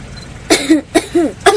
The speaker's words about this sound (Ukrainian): Андрію, закривай рот, коли кашляєш.